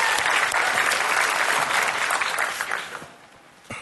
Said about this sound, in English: No, he did exceptionally well. One more time. Give him a hand clap if you would.